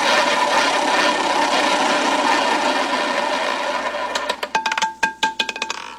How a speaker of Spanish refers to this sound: Siguiente ganador o ganadora por la cafetera. Por la cafetera, ruleta activada.